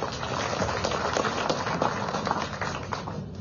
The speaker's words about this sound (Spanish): Aplaudimos, por favor, esta entrega de reconocimientos.